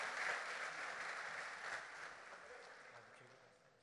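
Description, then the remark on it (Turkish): A crowd at a ceremony applauds steadily as ministers, deputy ministers, the governor and the provincial party chair are invited onto the stage, a dense wash of clapping that stays strong before gradually thinning and fading toward the end. “Öncesinde Sayın Cumhurbaşkanımıza refakat etmek üzere Sayın Bakanlarımızı, Sayın Genel Başkan Yardımcılarımızı, Sayın Bakan Yardımcılarımızı, Sayın Valimizi, Sayın İl Başkanımızı alkışlarımızla sahneye davet ediyoruz.”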